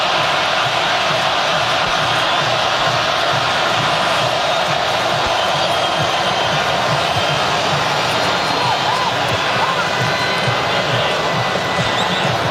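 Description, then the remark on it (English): A huge stadium crowd of Colombian football fans roars steadily without a break, a dense wash of massed voices and chanting with rhythmic swells underneath, loud throughout and with no single speaker standing out. “There's 30,000 Colombians that actually live in the area of Mexico City, and a lot of them will travel. Listen to that.”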